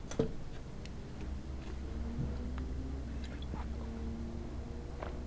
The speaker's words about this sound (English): And on that occasion, I know I'm drinking water, but it's not for me to mind my business, so I can wet my throat, so I can get this information out smoothly.